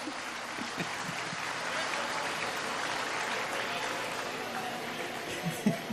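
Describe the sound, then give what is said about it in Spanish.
A crowd applauds together in a steady, dense wash of clapping that holds for several seconds, moderately loud and even, with faint murmurs of voices underneath. “aplaudan todos juntos si tienen ganas de aplaudir. El aplauso es gratis, ¿eh?”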